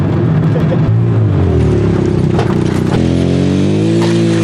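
A three-wheeled motorcycle drives along, its engine a steady, loud droning hum with a low buzzy tone whose pitch dips and then climbs slightly as it goes, with no one speaking.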